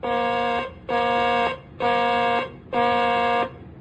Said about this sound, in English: Ready on the warning alarm. Testing flight deck warning alarm. Testing flight deck warning alarm. This is a test.